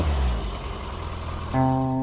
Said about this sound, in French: Écoutez cette boule de nerf de 995 cm3 des moteurs série A. Un bijou de moteur de course.